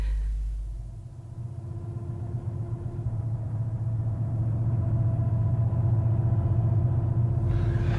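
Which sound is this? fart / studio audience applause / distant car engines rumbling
distant car engines rumbling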